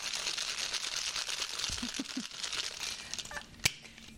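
Ice rattles steadily inside a cocktail shaker as an egg-white and basil cocktail is shaken again with ice cubes after a dry shake, a dense, hissy clatter of rapid knocks that runs for a few seconds and ends with a single sharp click.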